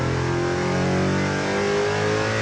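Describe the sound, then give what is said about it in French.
A V8 sports car engine roars steadily and loudly under acceleration, its deep, rich harmonic drone holding strong for a couple of seconds with no voices over it. “On a un V8, mais c'est pas du tout le même son.”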